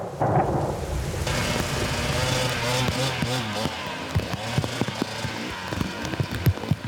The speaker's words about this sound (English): It's just dumping rain and it's ice now. It's gonna be tricky.